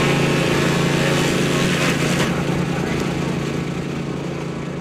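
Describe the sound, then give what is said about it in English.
A wood chipper, brought out by the political opposition in Saskatchewan, runs steadily, its loud engine roar holding a low droning hum with a harsh, gritty noise on top, briefly intensifying midway before easing slightly toward the end. “That is the sound of a wood chipper brought out by the opposition this week.”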